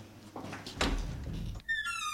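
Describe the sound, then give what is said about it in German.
Shuffling and a dull knock lead into a door at the back creaking open, its squeaky hinge drawing out a thin, wavering whine. “Komm, wir gehen da hinten an die Tür.”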